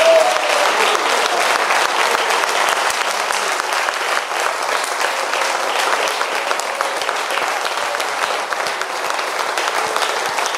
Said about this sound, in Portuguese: Vamos aplaudir a Jesus pela aquela vida.